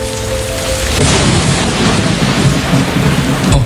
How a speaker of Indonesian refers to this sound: Namun perjuangan belum selesai. Hujan kembali turun dan hampir merusak jembatan yang sedang dibangun.